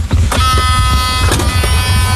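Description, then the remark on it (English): An electric cart carrying riders drives along with a steady high-pitched motor whine over a low rumbling of wheels, fairly loud, with brief clatters from the ride. “Electric car.”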